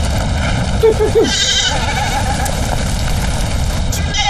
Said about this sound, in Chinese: 师长，你看看那些羊，一定是受到了飞机的惊吓。